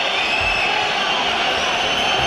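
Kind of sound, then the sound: crowd, football stadium crowd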